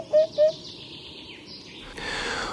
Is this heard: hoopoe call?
yes